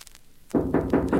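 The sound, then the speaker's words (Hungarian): Four firm knocks on a wooden door in a steady, even rhythm, fairly loud, following a brief moment of near silence. “Végezetül pedig kopogtassunk.”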